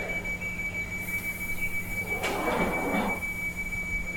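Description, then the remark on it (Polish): The left train doors in a train simulator slide shut with a brief rushing hiss and a soft thud, set against a steady high-pitched warning tone and a low hum from the carriage. No one speaks. “I teraz ja naciskam lewy shift, żeby zamknąć lewe drzwi, które są otwarte.”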